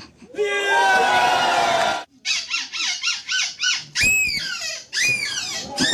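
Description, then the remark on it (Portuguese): Human voices imitate monkey and baboon calls: a long, loud, shrill screech, then a rapid rhythmic run of hooting barks, ending in more harsh, wavering shrieks. “Aí já é macaco, aí já é babuíno.”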